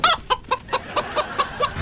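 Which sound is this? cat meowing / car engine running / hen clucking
hen clucking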